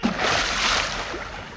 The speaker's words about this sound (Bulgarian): О, ужас! И паднах в блатото. Пляс!